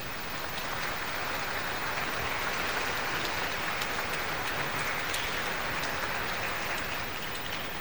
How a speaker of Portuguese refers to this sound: acompanham pelo rádio, mas também os ministros da palavra, com uma forte salva de palmas.